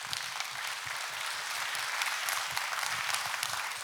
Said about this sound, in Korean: 정말 음악 좋죠? 다시 한번 선생님께 박수 부탁드립니다.